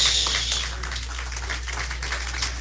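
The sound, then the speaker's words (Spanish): The married members of an audience listening to a sermon applaud steadily, a dense, even patter of many hands clapping at once with no voices over it, holding at a moderate level throughout. “Los que están aplaudiendo son los casados.”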